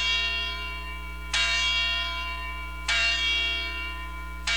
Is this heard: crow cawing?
no